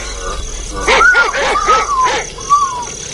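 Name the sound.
dog barking and yipping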